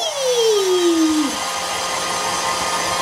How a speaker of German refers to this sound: Gut, jetzt mal deine Haare föhnen. Komm. Ich mach doch nicht so einen Alarm. Wo ist denn der Föhn? Na hier, bitte. Da ist er. Dankeschön. Und los geht's.